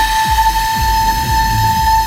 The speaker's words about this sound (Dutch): Misschien is het wel leuk om even te laten horen hoe die eeuwenoude fluit dan klinkt. Want uiteindelijk kwam dit er dan uit.